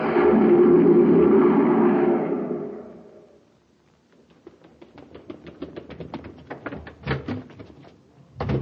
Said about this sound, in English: A cyclone? Just Danny Fields rushing out the door to the grocery.